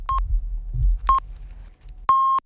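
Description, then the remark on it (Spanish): Canal Sur Radio hourly time signal at 4 p.m. in Andalusia: three steady, high electronic pips spaced about a second apart, the first two short and the last held noticeably longer and louder, over a low rumbling background. “Mira que justo con los pitidos.”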